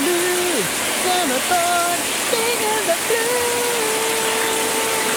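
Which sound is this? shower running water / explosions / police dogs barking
shower running water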